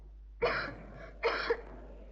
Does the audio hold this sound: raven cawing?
no